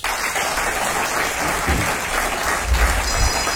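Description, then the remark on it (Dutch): Sustained audience applause for a small class of guests, a dense steady wash of many hands clapping at once, fairly loud, with a few low thumps mixed in and no talking over it. “Mag ik een applaus voor het klasje”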